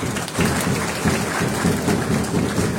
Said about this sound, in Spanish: para quien solicitamos, por favor, fuertes votos de aplauso, queridos hermanos.